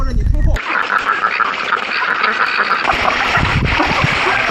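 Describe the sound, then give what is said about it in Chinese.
A dense, continuous chorus of many ducks quacking, with splashing and rustling water mixed in, starting abruptly after a brief low rumble and staying loud throughout. The farm-raised ducks, a flock of over 100, roam free outdoors in the fields with no duck shed. “他不建鸭棚，让鸭子在野外肆意的撒欢，自由自在的成长。”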